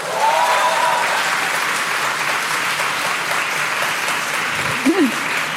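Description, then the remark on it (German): Loud, sustained applause from audience members who identify as millennials, clapping when asked to, a dense steady wash of clapping lasting several seconds, with a few faint whoops or voices rising through it near the end. “Aber wir fragen mal kurz, und zwar, ich würde gerne in Form von Applaus das Publikum fragen. Es klatsche doch bitte einmal laut, wer sich hier auch als Millennial identifiziert.”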